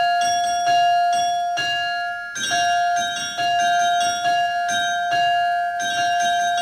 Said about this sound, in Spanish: Campanas, campanas, campanas.